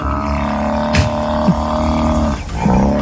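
A buffalo's deep, rumbling call fills the whole stretch, a continuous low growl with a few louder grunting surges, fairly loud, with no talking.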